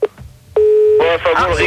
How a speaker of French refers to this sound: Il y avait la tonalité là.